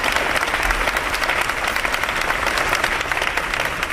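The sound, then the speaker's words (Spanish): Sustained applause, a dense steady patter of many hands clapping at a fairly loud, even level, with no voices standing out; an ovation ending a minute of silence held by Más Madrid and PSOE deputies in the outer atrium of the chamber. “Sí, en el minuto de silencio que una representación de diputados de Más Madrid y PSOE, ausencia de PP y Vox, han guardado en el atrio exterior de esta Cámara y que ha terminado con esta ovación.”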